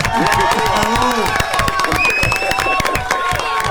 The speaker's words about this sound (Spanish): Mira, vamos a hacer una cosa. Este aplauso.